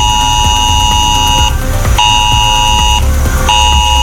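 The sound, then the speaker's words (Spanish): A loud, harsh ES-Alert emergency alert tone from mobile phones blares in repeated pulses, each about a second and a half long with short gaps between them, over a low background rumble, sent during a red-level weather alert for heavy rain in the Campo de Cartagena and Mazarrón area. “Allí se ha decretado durante unas horas la alerta meteorológica de nivel rojo y los mensajes es alert han sonado en los móviles de la población.”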